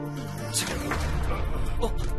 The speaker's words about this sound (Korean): 웬 폭발? 모두 괜찮니?